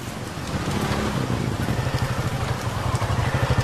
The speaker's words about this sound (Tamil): இந்த ராத்திரி நேரத்துல இந்த மழையில மாட்டிக்கிட்டனே.